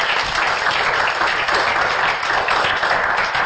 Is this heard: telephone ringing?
no